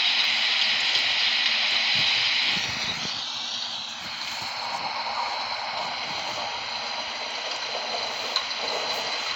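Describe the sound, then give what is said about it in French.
Steady, dense rain hisses throughout, with a low rolling rumble of thunder early on and a faint gusting wind beneath. No voices are heard. “ben j'ai décidé de mettre un petit contexte naturel, de pluie, de tonnerre et un peu de vent.”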